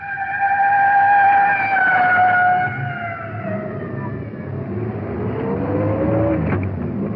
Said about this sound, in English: It's red, fire department rescue squad. Slowing down. We're pulled over to the side now. Let the respirator truck go by. Here she goes.